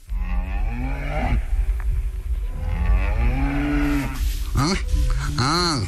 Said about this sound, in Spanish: Ahí está la vaca.